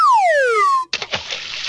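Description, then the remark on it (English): A loud descending whistle slides down for nearly a second, then a big splash into water erupts and churns briefly, like a cartoon fall, with no voices. “And then he was down in the river.”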